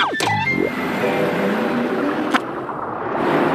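A bus drives along with a steady, fairly loud engine rumble throughout, with a quick sweeping whoosh at the start and a sharp click partway through, as it arrives at the Coral Street stop.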